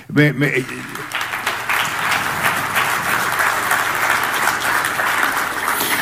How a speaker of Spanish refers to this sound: primero os quiero mostrar este trabajo del Servio y voy a pedir otro aplauso.